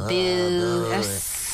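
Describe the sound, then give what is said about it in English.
A voice imitates a villain-style boo hiss at the mention of Don Kirshner: a sustained, wavering low "boo" for about a second that breaks into a breathy hiss, loud, with no other sounds. “It's just that Don Kirshner, insert evil boo hiss noise here.”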